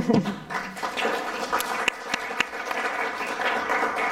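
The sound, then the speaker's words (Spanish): An audience applauds steadily for about four seconds, a dense patter of many hands clapping at once with a few sharper claps standing out, holding a fairly even loudness throughout. “Bueno, aplauso para después, para el final.”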